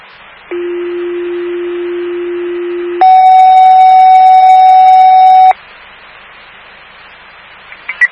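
Two steady alert tones play in sequence over radio static, dispatching fire station 25 to a mental health incident: a low, level tone for about two and a half seconds, then a louder, higher tone with harmonics, before fading back to hiss and a few clicks.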